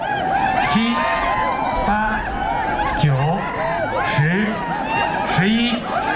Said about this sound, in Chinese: 伴随着观众们的欢呼声与尖叫声，这片草原彻底沸腾起来。